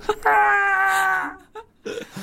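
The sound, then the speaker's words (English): A single voice lets out a drawn-out, wailing scream held for about a second before trailing off, an imitation of a man crying out as he falls off a tower, followed by a couple of brief vocal sounds. “Not just like, there's a sound of a man falling off a tower.”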